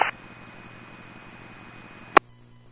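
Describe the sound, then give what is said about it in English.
Steady, quiet radio static hisses over a low electrical hum during a radio check, starting with a brief click and ending with a sharp squelch burst before the line drops to near silence. “coming through a little bit quiet and static.”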